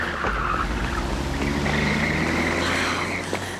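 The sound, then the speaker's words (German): A loud car engine roars, steady and powerful throughout, with a high, drawn-out squeal like tires skidding over the rumble, as Offergeld's car, registration MSJO 157, speeds past. No voices. “Das ist Offergelds Wagen.”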